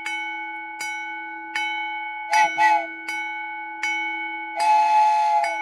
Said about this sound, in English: The bell's ringing. The gates are coming down. The lights are flashing. I see the white light there coming closer. That train is getting nearer to us.